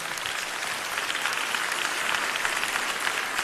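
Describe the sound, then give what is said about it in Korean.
A crowd claps steadily and densely for a few seconds, a bright, continuous patter of many hands filling the room with no voices on top. “아유, 박수 한번 주십시오.”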